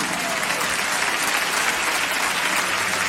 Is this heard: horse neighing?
no